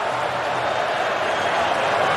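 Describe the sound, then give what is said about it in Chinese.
A dense, steady roar of a stadium crowd of football fans cheering and urging the team forward in the final stage of a match involving Canada's team. It holds at an even, fairly loud level throughout with no clear individual voices or breaks. “球迷呢在不断的欢呼，示意球队往前。”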